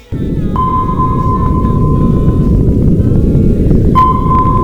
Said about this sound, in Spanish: Este sonido muchos lo identificamos, no porque lo hayamos escuchado en directo, sino por las películas y todo esto, como el sonido de un radar, de un sonar, ¿no?